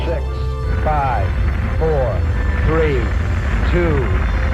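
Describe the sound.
Apollo 11 rocket engines ignite at launch with a deep, steady roar that fills the low end, while a voice speaks in short, evenly spaced bursts of countdown over the rumble.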